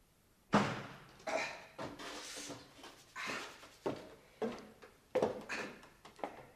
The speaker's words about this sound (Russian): Внизу неожиданно открылась дверь, и послышались шаги Луки.